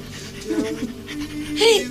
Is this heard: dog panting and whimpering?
yes